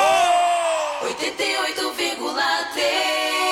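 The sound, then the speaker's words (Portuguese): A loud, drawn-out shout of joy whose pitch slides downward, then breaks into a few seconds of excited, ragged yelling that sounds energetic. “ficar feliz, dá um grito!”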